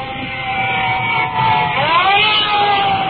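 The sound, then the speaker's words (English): Sirens of additional fire trucks pulling up to a fire scene wail steadily, their high tones bending and sweeping upward midway, layered over a loud, continuous rumble of heavy engines and road noise. No one speaks. “And looking over my shoulder, additional fire trucks are pulling up and are coming in directly behind us. I can hear their sirens, so we'll just stand by.”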